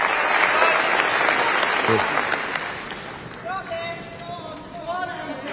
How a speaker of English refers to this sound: I think many people thought that that wasn't the end of the speech, but now everybody is on their feet and clapping.